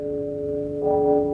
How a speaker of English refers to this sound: About an hour later, I was dozing off, and the sound of a nearby clock chiming midnight awakened me.